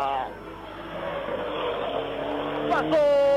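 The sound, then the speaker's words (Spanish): Rally car number 58, driven by Gabriel Tarqui, roars past at El Tejar on its way toward Sucre. Its engine note rises and shifts as it speeds through, with voices murmuring in the background. “Pasó la máquina 58, máquina 58 de Gabriel Tarqui, también cerrando su participación.”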